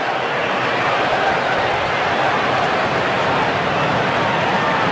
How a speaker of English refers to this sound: Still hear the jets in the distance